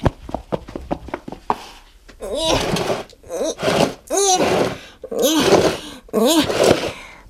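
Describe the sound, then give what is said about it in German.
A heavy box full of toys is shoved through a doorway into a radio station: a quick run of knocking thumps, then several loud scraping drags with squeaky, groaning tones as it slides across the floor. “Jetzt kann ich sie auch durch die Tür schieben und hier reinbringen.”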